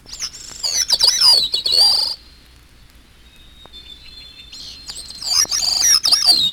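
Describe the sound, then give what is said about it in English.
Two bursts of a gray-cheeked thrush's high, wavering song, clear, separated by a few seconds of quiet with only a faint thin tone in the background. “Gray-cheeked thrush.”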